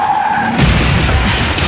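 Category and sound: vehicle, car tires skidding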